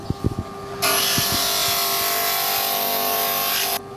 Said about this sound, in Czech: Vlastně si to zhruba připravím a potom to budu ještě brousit, aby nám to krásně zapadlo k těm ostatním dílkům. Takže se to bude brousit na brusce. Teď přecházíme k brusce.